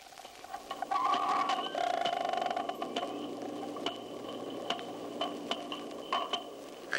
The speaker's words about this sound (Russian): Сейчас четыре дельфина изучают микрофон, который опустили в бассейн. Они обходят его со всех сторон, удаляются, приближаются. Чтобы понять, как действует локатор дельфинов, попробуем замедлить запись для начала 8 раз.